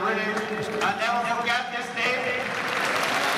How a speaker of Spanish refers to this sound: Aplaude la gente.